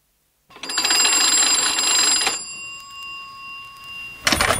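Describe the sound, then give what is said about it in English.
An old-fashioned telephone bell rings loudly for about two seconds, its metallic tone lingering as it fades, then a second ring starts at the very end; the call comes from Lottie's. No one speaks. “I'm ringing from Lottie's.”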